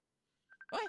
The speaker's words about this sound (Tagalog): May nagkapanawag sa messenger ko.